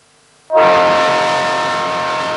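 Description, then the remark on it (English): After a brief moment of near silence, a loud train horn suddenly blasts and holds as one long, steady, sustained tone over rumbling rail noise. No one speaks. “Chukuchaka like a train, y'all.”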